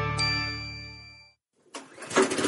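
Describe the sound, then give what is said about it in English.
A ringing chime fades into a moment of silence, then a lawn mower engine at Michigan State University sputters to life and quickly revs up into a loud roar. “At Michigan State University, the roar of lawnmowers is being replaced by the sound of buzzing bees.”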